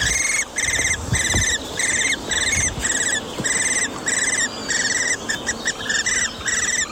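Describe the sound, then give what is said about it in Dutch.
Young hobby falcons squeak from a tree hollow in the Appelbergen nature area just below Groningen, in a steady series of shrill, high, buzzy bursts, each about half a second, repeating almost without pause over faint background hiss. “En hoort daar vanuit een boomholte gepiep. Wat zou dat wezen? Even de app erbij. En ja hoor, jonge boomvalken.”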